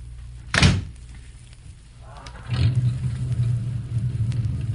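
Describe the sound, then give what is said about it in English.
A car door shuts with a single solid thunk as people get into a car to drive off, followed after a short pause by the engine turning over and settling into a steady, low idling rumble. “This car? Uh-huh. Get in, I'll drive. Okay, slide in the side.”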